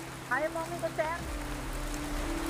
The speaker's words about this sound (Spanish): Cuando las lluvias torrenciales se prolongan durante días, Manila se inunda. El agua se acumula en las callejuelas y entra en las casas y comienza el trabajo de los equipos de evacuación.